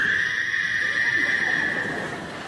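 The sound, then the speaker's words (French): A frog croak sound found on the Internet: a steady, unbroken high-pitched trill that holds at an even loudness for a couple of seconds over a faint rustling background, with no voices. “En fait, je voulais mettre un hibou, mais j'ai pas trouvé sur Internet, alors... alors j'ai mis une grenouille, bon, pour la peur.”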